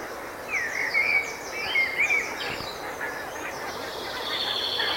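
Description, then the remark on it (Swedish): A flock of geese honks repeatedly as it approaches, heading out to the fields, a short way inland from the coast near Morups tånge; their overlapping calls rise and fall in an irregular chorus over a faint outdoor background, with no talking. “Man hör gässen komma.”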